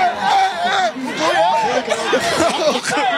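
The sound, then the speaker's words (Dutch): A crowd of football supporters shouting and cheering joyfully in release after a match, cheering for their goalkeeper Rome, many overlapping excited voices rising and falling in pitch, loud and continuous throughout, with bits of laughter mixed in. “Hier wordt geschreeuwd. En iedereen is blij. Ik zie mensen schreeuwen.”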